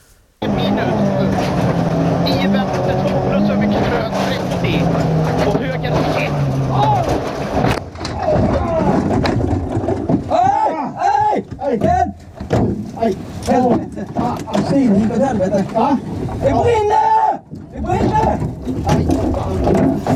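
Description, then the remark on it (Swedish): A race car engine roars steadily with a slowly dropping pitch, then a sudden loud crash as the car drives straight into a tree during a Swedish championship (SM) race after its steering column broke, followed by jumbled noise and excited voices talking over the aftermath. “den där gången när du kör rakt in i ett träd.”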